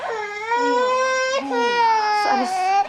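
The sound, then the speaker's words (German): A baby girl with a cold cries loudly, a sustained high-pitched wail broken only by brief gasps for breath, with no talking over it. “Wissen Sie, die kleinen Babys müssen erst mal lernen, wie sie mit dem Mund atmen. Und beim ersten Schnupfen geraten sie dann in Panik.”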